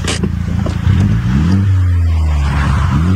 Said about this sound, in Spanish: Oye, esto es una, por lo que veo allá adentro, eso es una Mini Cooper. Y se ve que está modificadita y sí, que tiene pipa, pero no tiene una pipa escandalosa.